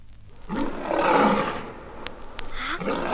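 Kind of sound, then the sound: animal, lion roaring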